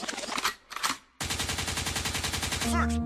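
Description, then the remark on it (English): Two quick bursts of loud gunshot sound effects, then a dense rapid volley of shots that keeps going, ending in a low booming tone; the gunshot is used as a 'forward' cue. No talking. “Lakewood means rewind, the gunshot means forward.”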